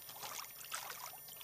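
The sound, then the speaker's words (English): Water runs and splashes steadily into a container being filled at a swimming rock in Kamyai, where the water is low, a continuous bubbly trickling rush with no pauses, quiet. “I'm gonna just fill the water. See how the water fills?”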